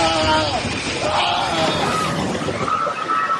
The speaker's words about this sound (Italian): Un boato e poi le grida.